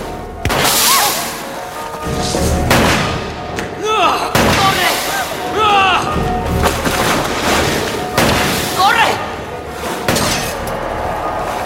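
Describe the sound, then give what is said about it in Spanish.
Several loud, sharp pistol shots ring out a couple of seconds apart as Cal fires at Jack and Rose, chasing them through a sinking ship, the second shot missing; each shot has a crashing, shattering tail, over a dense rumble of chaotic noise and indistinct voices. “Erró el segundo disparo.”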